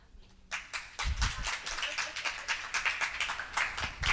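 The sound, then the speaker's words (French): A crowd breaks into applause, many hands clapping in a dense, steady patter that starts abruptly and keeps going at an even loudness throughout. “Et du coup, si vous vous reconnaissez dans les signes que je vais citer, applaudissez.”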